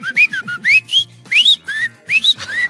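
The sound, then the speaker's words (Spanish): A person whistles a quick, bird-like tune imitating a goldfinch on the W Radio show La Corneta, with rapid rising chirps and warbling notes in short bursts, fairly loud with no talking. “Ese es un jilguerillo que les chifla.”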